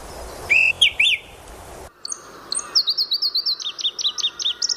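A male bird chirps and calls in bright, whistled phrases to claim territory and attract a female: a short trill, a pause, then a rapid rhythmic series of sharp repeated notes, clear against a quiet background, in a mountain forest.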